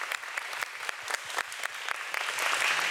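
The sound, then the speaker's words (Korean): An audience at a performance event applauds a young performer steadily for about three seconds, a dense wash of many hands clapping that holds an even level and swells slightly toward the end, with no voices over it. “여러분 큰 박수 한번 부탁드리겠습니다.”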